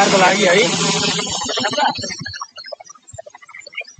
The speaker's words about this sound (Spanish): Sonido de los helicópteros en Nepal que continúan esas labores de búsqueda de los desaparecidos por estas riadas en la frontera con el Tíbet.